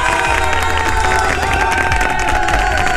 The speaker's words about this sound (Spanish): Si es así, aplauso, gente.